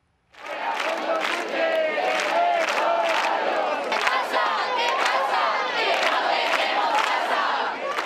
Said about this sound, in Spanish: Y decenas de activistas pasaron la noche en la emblemática Puerta del Sol de Madrid, protestando por la crisis de vivienda que afecta a toda España.